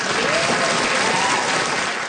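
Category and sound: crowd, crowd applauding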